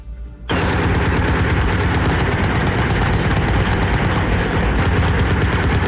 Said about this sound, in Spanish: Campesinos de la zona reportan disparos y explosiones desde muy temprano.